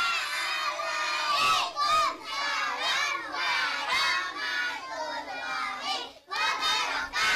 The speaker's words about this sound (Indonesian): Tepuk tangan anak-anak.